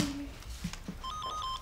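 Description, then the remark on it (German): A telephone starts ringing with a quick electronic warbling trill of repeating high tones, fairly clear, after a moment of quiet room noise and a couple of soft thumps. “Oma, Telefon klingelt.”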